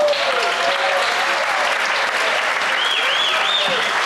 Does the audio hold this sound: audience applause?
yes